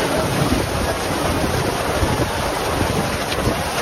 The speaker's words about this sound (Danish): Store mængder regn og blæst fik i aftes Tønderfestivalen til at aflyse sin afslutningskoncert på Open Air-scenen. Ja, det var altså sådan et indslag TV-avisen startede, og det lød altså sådan her på pladsen, da det voldsomt vejr pludselig ramte.